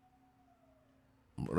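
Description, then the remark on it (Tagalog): A faint ambulance siren passes by, holding a steady wailing tone that slowly sags in pitch as it moves away, and a loud voice breaks in right at the end. “Danay ambulansya nga ni Agi.”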